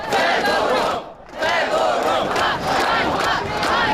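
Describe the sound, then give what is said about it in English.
A large crowd of young Ukrainians in a Kyiv square chants "shame" in loud, rhythmic unison over the sacking of a minister, the massed voices dipping into a brief pause before surging back with repeated shouts. “Shame, shame, they chant.”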